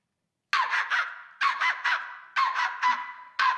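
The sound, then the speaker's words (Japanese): A voice imitates a chihuahua's shrill, nasal yapping, the barks grouped three, three, three and then one in the Japanese sanbon-jime ceremonial clapping rhythm, loud and alone with no other talk. “ですから、お聞きいただいている皆様の健康、そしてご多幸を記念いたしまして、三本締めで鳴くチワワの声です。”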